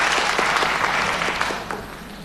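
An audience at a xiangsheng (Chinese crosstalk comedy) performance applauds steadily, dense overlapping claps filling the space at a fairly loud level before tapering off slightly toward the end.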